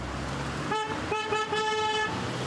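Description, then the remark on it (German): Car horns from a parade of 60 decorated cars driving through Wermelskirchen honk in a couple of long blasts with a brief gap between them, loud over a steady hum of street traffic. “Auch Petra Trümtrop wurde vom Hupen aufgeschreckt. Wie finden Sie das, dass die da gehupt haben?”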